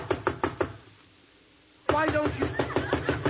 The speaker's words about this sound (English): Now, I knock on your door.